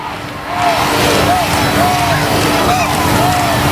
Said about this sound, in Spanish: Se ha coreado mucho el nombre del rey, por cierto, Felipe Felipe, como se está coreando ahora.